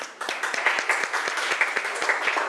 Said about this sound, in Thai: ปรบมือให้เพื่อนหน่อยครับ